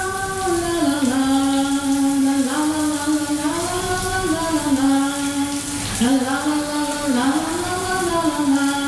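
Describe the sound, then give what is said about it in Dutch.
A shower curtain closes and the shower tap is turned on; shower water then runs steadily throughout with a hissing, rain-like spray, while a sustained, wavering hum-like tone rises and falls over it for the whole stretch. “Het gordijntje dat sluit en de kraan gaat stromen.”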